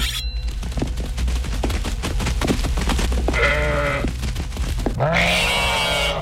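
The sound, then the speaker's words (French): A fat black ram, being brought down from a boat, bleats twice, long wavering nasal cries, the second louder and higher, after a few seconds of rapid scattered clattering taps over a steady low rumble. “Depuis le bateau, on fait descendre un bélier noir, gras à souhait.”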